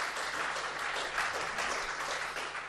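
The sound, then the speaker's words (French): An audience at the Albi media library claps steadily for the Pollux association, a dense, sustained wash of many hands at even loudness with no voices standing out, lasting the whole few seconds. “Tout cela grâce, évidemment, en amont à l'association Pollux, qu'on applaudit bien fort aussi.”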